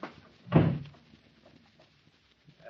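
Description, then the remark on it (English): The door of the rear compartment of a plane shuts with a single heavy thud, followed by a few faint, small clicks like a lock being turned. No voices are heard. “Then lock the door and stand on guard in front of it.”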